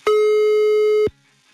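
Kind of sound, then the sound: signal or alarm, phone call tone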